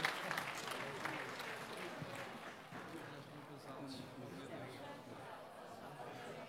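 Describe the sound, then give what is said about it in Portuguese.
A crowd at a mass claps steadily for several seconds for a couple celebrating 50 years of marriage, a dense wash of hand claps that fades slightly over time, with some chatter and murmuring voices mixed in. “Já foi as palmas para eles.”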